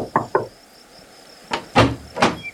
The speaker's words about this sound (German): Am Nachmittag, als die Sonne bereits unterging, kam ein Wanderer vorbei und klopfte an die Tür.